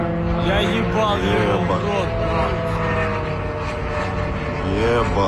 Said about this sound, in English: Footage posted on social media shows a drone flying over Khimki, a suburb northwest of Moscow. Last night, Ukraine carried out its biggest overnight drone attack on the Russian capital in more than a year.